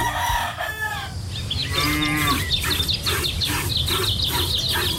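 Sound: cattle mooing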